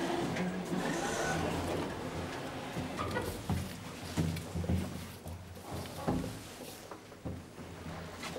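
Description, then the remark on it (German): A modern glass elevator cabin in a glass shaft, built and serviced by the Lutz company, rides upward, giving off a steady mechanical whir and rumble punctuated by occasional clicks and soft clunks. “Glasschacht, Glaskabine, ganz modern. So, fahren wir einmal hoch, machen Schilder an.”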